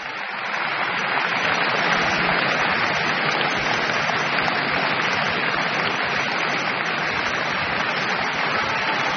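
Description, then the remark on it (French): An audience applauds warmly after pianist Beatrice Arana's performance of Brahms's Piano Sonata in F-sharp minor, Op. 2, a dense, steady wash of many hands clapping that rises within the first half second and holds at an even level throughout. “Brahms explose le cadre de la forme bien connue, de la forme sonate, dans ces quatre mouvements de cette sonate en fa dièse mineur, opus 2, joué par Beatrice Arana, copieusement applaudi.”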